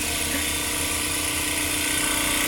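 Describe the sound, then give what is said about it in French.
A tissue lyser bead mill vibrates hard, shaking a tissue sample very rapidly with small beads inside to grind and break it up, giving a steady, loud mechanical buzz with a dense high-pitched rattle that holds constant throughout, no voices over it. “Ouais, ça vibre très très fort. Il est broyé là.”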